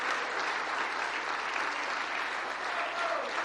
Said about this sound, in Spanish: Dele ese aplauso al Señor, por favor.